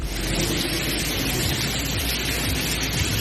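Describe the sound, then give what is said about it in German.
Water gushes and pours steadily into a TU Berlin university building, a loud, unbroken rushing roar like a small waterfall, with no voices over it. “Klingt, als wäre es ein kleiner Wasserfall, ist aber im Unigebäude, sollte da natürlich beim Studieren überhaupt nicht der Fall sein.”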